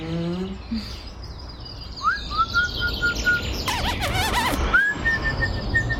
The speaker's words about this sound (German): Dass es hier so viele Vögel gibt, finde ich schön. Es war gut, dass wir uns eine Wohnung im Park genommen haben.